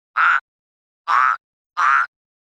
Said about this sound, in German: Den habt ihr bestimmt auch erkannt. Das war ein Frosch.